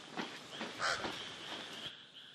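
A pied crow, a hunter that could spot a chameleon, calls with a string of harsh, rasping caws, four or five in quick irregular succession, against a steady hiss of outdoor ambience.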